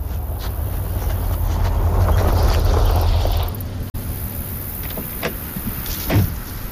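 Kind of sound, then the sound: vehicle, car arriving and stopping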